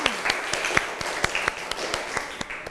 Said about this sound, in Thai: เชิญเลยค่ะเชิญเลยค่ะโหรอฟังตัวแทนจากกลุ่มที่4นะคะปรบมือดังๆให้เพื่อนอีกหนึ่งครั้ง